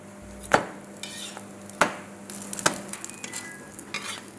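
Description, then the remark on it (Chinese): Flatbread (huoshao) frying in a hot pan heated to about 180 degrees, a steady crackling sizzle with three sharp utensil clinks or scrapes against the pan. Fairly quiet, with no voices. “锅的温度我们调到180度左右。”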